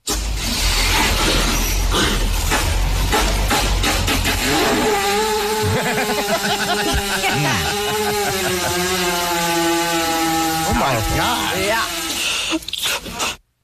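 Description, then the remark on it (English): A cow passing gas as its stomach is pushed: loud, rough sputtering bursts give way to a long, buzzing, wavering drone that holds for several seconds before cutting off. “But they can fart, but it's in a very particular way. They usually lay them down and somebody pushes on their stomach.”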